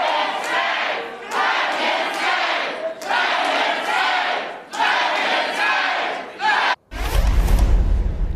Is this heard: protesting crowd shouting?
yes